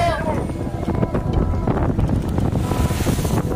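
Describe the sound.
Strong sea wind roars steadily against the microphone on a fishing boat at sea, while big waves crash and surge, loud and unbroken throughout, with a voice briefly audible near the start; the wind makes the boat pitch heavily.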